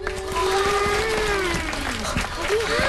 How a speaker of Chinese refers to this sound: 今天呢，我们专门请到运河建设指挥部的工程师叔叔来给大家讲一讲运河背后的故事，大家掌声欢迎。